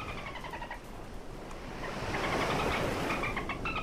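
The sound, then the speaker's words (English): Dolphin noises: short bursts of high, chirpy whistling tones that come and go over a steady, rushing wash of water-like noise, with no voices present. “What's the dolphin noise? Hold on. Dolphin noises.”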